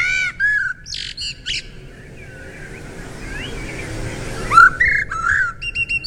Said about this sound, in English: Well, they might not be the most colourful garden visitor, but apparently blackbirds have the prettiest bird song of all. And this is according to experts. So, do you know what the blackbird sounds like? Have a listen. Oh, here he is.